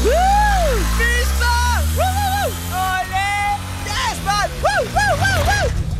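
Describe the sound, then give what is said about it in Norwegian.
A voice imitates a motor engine revving as if zooming around, with rising and falling vroom-like sweeps repeated several times over a low rumbling hum, fairly loud. “Jeg er den første dansker, der har fået fjernet mine fødder og fået to hjuler og en motor i stedet for. Så jeg bare fræser rundt dagen lang.”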